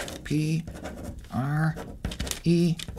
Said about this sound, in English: you've got a sheet of paper and pencil there. Write these vertical letters, okay? P-R-E-S-S, from the top to the bottom.